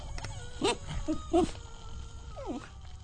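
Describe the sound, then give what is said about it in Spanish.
A dog, Cerbero, about to be fed, whimpers in a few short, high-pitched yelps, followed a moment later by one longer whine that slides downward in pitch, over a steady low background hum with no talking. “Vamos a darle de comer a Cerbero y enseguida volvemos.”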